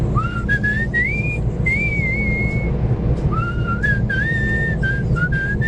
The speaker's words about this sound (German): ist bestens gelaunt und pfeift fröhlich vor sich hin. Im Gegensatz zu mir kann er pfeifen. Er pfeift ein Lied. Ich habe das Gefühl, ich kenne es, ich komme nicht drauf.